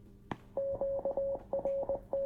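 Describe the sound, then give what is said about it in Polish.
A radio beeps out a Morse code signal for "off" as it switches off: a steady mid-pitched tone pulsing in a quick sequence of long and short beeps, preceded by a single sharp click, with no one talking. “To generuje te sygnały radio. Tak. To było off w alfabecie Morsa.”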